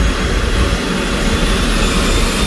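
Rotors of a firefighting helicopter that can drop 1000 litres of water spin at full speed on the tarmac, reached in under three minutes as it prepares to take off for a vegetation fire; a loud, steady roar of engine and blade noise, continuous and unbroken, with no voices.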